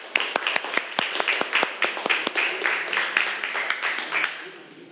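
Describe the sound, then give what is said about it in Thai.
A class of students claps for classmates: a burst of brisk, uneven hand claps that overlap densely for about five seconds, then thin out and fade, with faint voices underneath. “ปรบมือให้เพื่อนหน่อยเร็ว”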